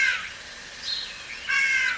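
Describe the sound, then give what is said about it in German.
A starling mimics a crow, giving three harsh, raspy caws spaced about half a second apart, clear with no other sounds. “Hier ist ein Star, der wie eine Krähe ruft.”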